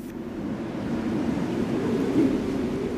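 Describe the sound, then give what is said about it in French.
A steady, roaring polar wind blows without pause in Antarctica, a dense low rush that swells slightly midway, with no voices or other sounds over it. “Du vent, de la glace à perte de vue et des températures extrêmes, l'Antarctique paraît figé.”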